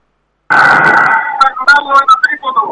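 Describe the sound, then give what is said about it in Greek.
A loud, sustained referee's whistle blast cuts in abruptly over a noisy crowd at a game in which Aris leads 71-38, lasting about a second, then a voice starts talking amid the arena din. “Έχουμε σφύριγμα”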